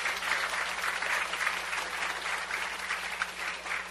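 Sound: audience applause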